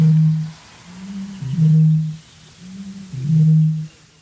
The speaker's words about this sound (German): Aber hier kommt der Gegner, die Rohrdommel, circa 8-mal größer als der Zaunkönig. Und Achtung, sie beginnt.